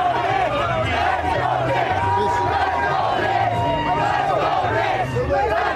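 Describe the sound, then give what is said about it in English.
A large crowd chants "Let's go Knicks" in unison in the street, a rhythmic, repeated shouted phrase rising and falling over constant loud babble and cheering, with no pause throughout. “the mantra of Las Vegas, let's go Knicks. Like, this is that party vibe.”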